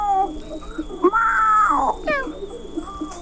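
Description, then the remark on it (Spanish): A person imitates a cat, voicing a long, drawn-out meow with a rising then falling pitch, followed by shorter mewing sounds. The voice is clear, with no other talking. “Nos mandaron esta interpretación de un gato.”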